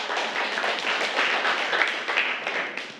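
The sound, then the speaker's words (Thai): A group of children in a class claps for a classmate at the teacher's prompt. It is a steady, dense patter of many small hands for three seconds, with no pauses and no voices. “รดน้ำต้นไม้นะคะเก่งมากอ่ะปรบมือให้เพื่อน”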